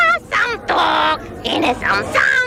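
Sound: parrot squawking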